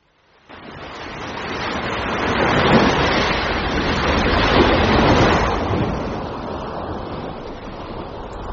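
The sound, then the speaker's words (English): Ocean waves and surf roar in a broad, steady wash that swells to a peak midway, then eases slightly into a softer, continuous hiss. No voices are heard. “The world of nature. The ocean depths.”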